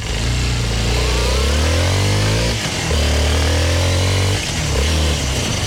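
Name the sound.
motorcycle engine revving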